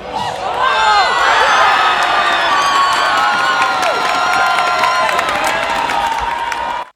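A loud crowd at a soccer watch party in Canada Games Plaza, Prince George, erupts in sustained cheering and high-pitched shrieks as Spain scores in extra time for a 1-0 World Cup win over Argentina. Whoops, shouting and scattered clapping hold steady for several seconds before cutting off abruptly.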